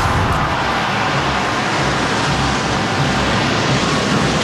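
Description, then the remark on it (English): A loud, continuous wash of many drums rolling together at once from a large crowd of Canadians attempting a Guinness World Record, forming a dense, steady roar that holds without pause for several seconds, with no voices. “The thunderous drum roll heard from coast to coast.”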